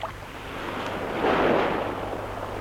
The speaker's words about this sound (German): Was war das? Das ist das Meer. 8 Wellen kommen sanft. Die 9. schlägt den Felsen. Gerade die 9. Und immer wieder.